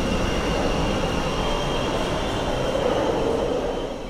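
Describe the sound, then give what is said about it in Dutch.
A Brussels metro train rumbles loudly and steadily into an underground station, pushing air ahead of it, with a high metallic whine riding over the deep roar of the wheels, easing slightly at the end. No one speaks. “En daar is het metrostelsel. Hij duwt lucht naar voren.”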